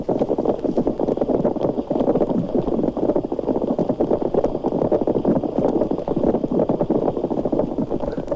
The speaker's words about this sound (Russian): Рыба-корова не намного больше карандаша, а слышите, как ухает, будто сваи забивает.